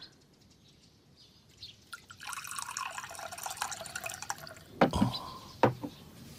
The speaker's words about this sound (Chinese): 爹，您渴了吧？孩儿给您倒水喝。